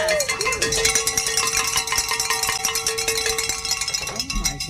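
A cowbell clangs rapidly and steadily for several seconds, rung to celebrate reaching a donation goal, a bright, ringing metallic tone repeated in a fast, loud rhythm, with some voices mixed in underneath.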